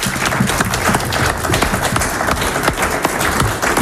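An audience at a local radio event in Venard-et-les-Lômes, Côte-d'Or, breaks into loud, sustained applause for the winner after a card trick, many hands clapping in a dense, steady patter throughout with no voices standing out.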